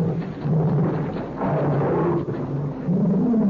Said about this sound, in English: strange sound. I wonder what it is. I don't know. It seems to be an animal of some kind. Never heard anything like it before. That's my pet tiger.